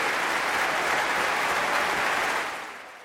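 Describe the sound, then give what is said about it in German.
A large audience at the Berliner Philharmonie in Berlin applauds violinist Christian Tetzlaff after his 2022 performance with the Deutsches Symphonie-Orchester: a dense, even roar of clapping with a few cheers mixed in, holding strong before fading slightly at the end. “Das Berliner Publikum hat ihn nämlich ganz eindeutig ins Herz geschlossen. Hier mal ein kleiner akustischer Beleg dafür.”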